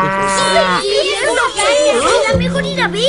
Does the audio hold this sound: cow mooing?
yes